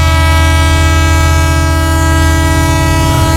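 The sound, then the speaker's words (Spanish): A train pulls into a station on the outskirts of Hiroshima on a clear, warm day, loud, its steady droning, horn-like tones and low rumble holding constant throughout, with no one speaking. “Llegamos. Esta es la estación de Eva, en las afueras de Hiroshima.”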